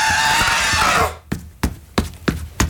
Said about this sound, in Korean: 란주는 기압을 넣고 소리를 지르며 앞으로 달려나갔다